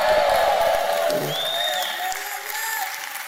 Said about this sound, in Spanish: No, yo quisiera provocar un grito de júbilo.